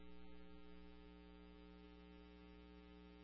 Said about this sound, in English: Are you in air conditioning there?